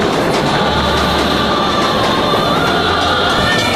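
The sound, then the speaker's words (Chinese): A passenger train on a long journey to Liuzhou station rolls steadily along the rails, a loud continuous rumble with a low droning hum and faint metallic whine, heard from inside a carriage, no voices. “长这么大，第一次坐这么久的火车， 怕啥？”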